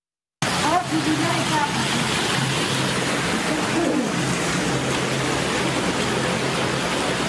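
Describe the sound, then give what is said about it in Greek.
Floodwater rushes and pours into a house in Crete during a strong storm, turning the interior into a large muddy lake, in a loud, steady roar that fills the whole clip without letting up, with faint voices briefly audible beneath it early on. “Βίντεο που καταγράφηκε την ώρα της ισχυρής καταιγίδας αποτυπώνει τη στιγμή που τα νερά έχουν εισβάλει σε σπίτι, μετατρέποντας το εσωτερικό του σε μία μεγάλη λασπωμένη λίμνη.”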